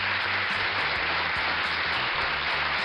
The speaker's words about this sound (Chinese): 哎呀，在这儿我觉得真的是要给闪闪一个大大的掌声。